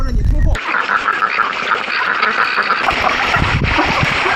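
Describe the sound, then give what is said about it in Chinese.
A flock of over a hundred free-range ducks, raised in open fields without a duck shed, quacks loudly and continuously outdoors, many overlapping calls forming a dense chorus with some low rumbling noise underneath. “他不建鸭棚，让鸭子在野外肆意的撒欢，自由自在的成长。”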